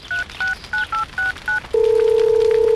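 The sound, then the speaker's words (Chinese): Six quick telephone keypad tones beep in an even rhythm, clear, followed by a steady unbroken line tone that holds to the end. No voices. Someone is dialing the village head to report a mountain fire. “打给村长也行，打给110也行，打给119也行，赶紧打电话。”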